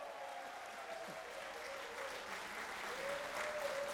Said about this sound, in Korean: 여러분 조통달 선생님도 함께하면 박수로.